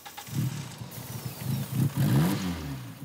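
A car engine, treated with starter spray, cranks in uneven low pulses, then catches and revs briefly before settling into a rough, sputtering idle, fairly loud with no voices.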